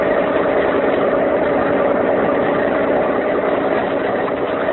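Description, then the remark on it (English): A police motor launch engine idles steadily and loudly on San Francisco Bay, a continuous low rumbling drone with a constant vibrating hum and no pauses or voices. “I'm going to turn off the motor again.”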